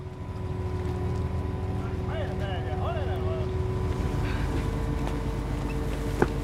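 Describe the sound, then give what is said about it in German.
The engine of a fully loaded mussel fishing boat drones steadily as it heads back through a fjord after about six hours, a deep continuous hum with a rushing wash of water and wind, while a few brief higher calls rise briefly midway. “Nach gut 6 Stunden ist das Boot voll beladen und es geht zurück.”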